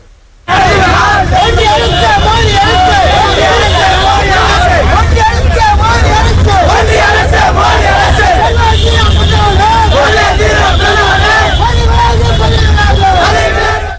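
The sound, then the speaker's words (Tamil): A dense crowd of Democratic Youth Federation of India protesters carrying torches shouts and chants together, loud, while blocking a government bus in Sankarapuram, Kallakurichi district, with many overlapping voices and a steady low engine-like rumble beneath, continuing without pause for the whole stretch. “அப்போது அரசு பேருந்து ஒன்றை அவர்கள் சிறைபிடித்து மறியலில் ஈடுபட்டதால் சிறிது நேரம் பரபரப்பு நிலவியது.”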